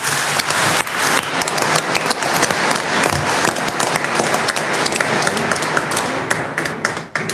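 An audience applauds steadily, with a dense wash of many hands clapping at an even level for about seven seconds before it briefly dips near the end.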